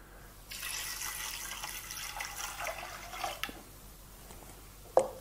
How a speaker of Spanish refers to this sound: En vez de echarle agua, le vamos a echar fumé de pescado, que lo hice.